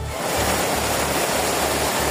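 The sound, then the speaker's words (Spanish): Heavy torrential rain in the Barcelona area, Spain, after more than 150 litres have fallen and streets and cars are flooded, pours down in a dense, steady roar of hiss and spatter, loud and unbroken, with a faint low rumble underneath and no voices. “Sí, la situación es especialmente complicada en el área de Barcelona, sobre todo en municipios como L'Hospitalet y Cornellà, donde la lluvia ya ha superado los 150 litros y ya hay calles y coches inundados. Este es el sonido a esta hora.”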